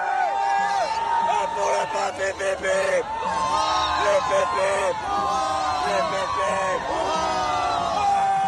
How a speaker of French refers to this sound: On l'entend, la ferveur des fidèles, et elle est partagée aussi par le clergé, bien sûr.